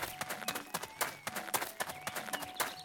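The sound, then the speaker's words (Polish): Quick, regular footsteps from a running video game character as the player turns and runs during a game tutorial, crisp percussive thuds repeating steadily over a faint electronic background hum, fairly loud with no voices. “Dobra, obracam się i biegniemy.”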